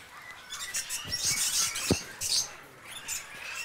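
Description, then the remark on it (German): Sharp, high chirps from an Edwards's fig parrot, one of a pair in a cage, come in short bursts, mixed with scratchy rustling and a few clicks as the bird moves around in the cage. No one speaks. “auch der erste Kandidat, ein Edwardsfeigenpapagei hier.”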